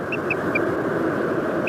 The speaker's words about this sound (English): white-bellied storm petrel.